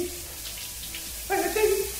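Steady hiss of running shower water throughout; partway through, a radio listener under the shower begins singing along to a melody over the spray, the voice sounding louder than the water.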